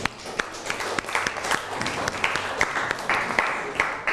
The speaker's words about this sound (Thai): โอเคปรบมือให้เพื่อนหน่อยครับ